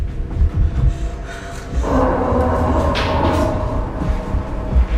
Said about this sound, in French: Faut pousser la table contre la porte!